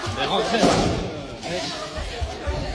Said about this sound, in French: Ouais, il y a cette vidéo qui tourne sur les réseaux sociaux où on voit le chef d'établissement du lycée Blaise Pascal à Rouen visé par un tir de mortier à l'entrée du bâtiment.